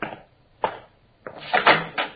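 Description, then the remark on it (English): A door being opened: two short knocking clunks, then a longer clattering rattle of the latch and door swinging, with no voices. “This door go out the backyard?”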